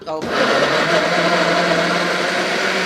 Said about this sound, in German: Okay, also dann nehmen wir das jetzt so hin, schneiden die Tomaten in grobe Stücke. Und schmeißen die in den Mixer.